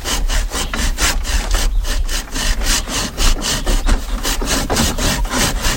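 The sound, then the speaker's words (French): A hand saw cuts through wood in steady back-and-forth strokes, each pass a loud rasping sweep repeating in a regular rhythm with no voices. “Je te laisse scier.”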